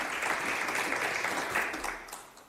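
A live audience claps steadily, a dense crackle of many hands filling the space at moderate loudness before fading out near the end.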